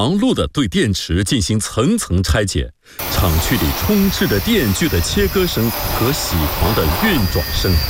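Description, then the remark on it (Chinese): A voice talks over a dry background, then steady loud machinery noise takes over: electric saws cutting and milling machines running inside a battery dismantling plant built in a mountain hollow, where workers are dismantling batteries layer by layer, with talking continuing on top. “厂区里充斥着电锯的切割声和铣狂的运转声。”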